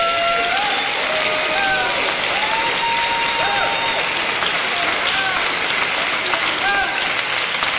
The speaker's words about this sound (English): We give Him praise. Come on and clap your hands and bless Him.